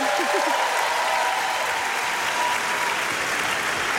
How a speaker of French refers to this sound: Je pense que vous pouvez les applaudir.